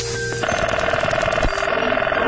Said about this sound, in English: Here's a collection of telephone sounds of the 1970s.